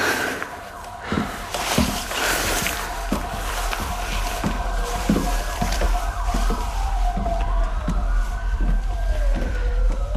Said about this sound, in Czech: Co je? To nejsou policajti, to jsou sanitky.